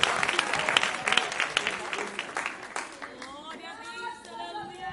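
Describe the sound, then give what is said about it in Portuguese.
A church crowd applauds to welcome a woman who will sing praise, with dense, rapid clapping that fades after a few seconds, then a voice begins talking as the clapping trails off. “Vamos receber a serva do Senhor com palmas de vitória, que é para o Senhor Jesus, ele merece.”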